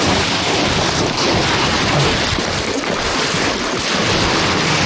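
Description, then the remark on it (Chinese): Heavy rain pours down in rural Linquan, China, in a dense, continuous hiss, loud, without letting up for the whole stretch. No voices are heard over it. “下雨了，别说。 下雨啊！”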